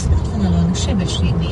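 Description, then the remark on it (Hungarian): Steady road noise from a car driving from Budapest to Felcsút, Hungary, a constant low engine rumble and tyre hiss filling the sound, with a voice talking over it. “Budapest felcsút, autóval 50 perc.”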